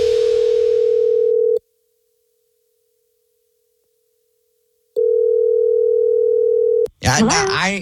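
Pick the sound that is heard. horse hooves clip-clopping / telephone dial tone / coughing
telephone dial tone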